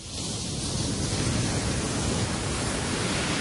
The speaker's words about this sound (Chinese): 在大热天时的时候呢，听下这些海浪声呢，都有种好凉快嘅感觉啊！